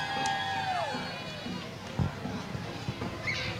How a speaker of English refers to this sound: Give us a big cheer, can they? Can they do that? You got your glittery pom-poms. St. Joseph's, big round of well applause. Well done, St. Joseph's.